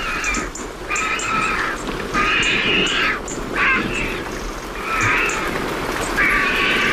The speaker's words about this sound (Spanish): y al fondo se están secando las plumas, los buitres. Ahí están. Con ese cacareo y una garza real.